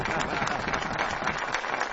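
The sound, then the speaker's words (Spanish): Sustained applause from many hands in a standing ovation, a dense, continuous wash of clapping that holds steady throughout, moderately loud, with no voices standing out. “¡Ovación de pie!”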